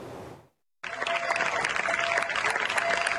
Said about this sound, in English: Residents of the southern Spanish town of Niebla lined the streets on Sunday to applaud and bid farewell to members of Spain's military emergency unit after 10 days battling a devastating wildfire.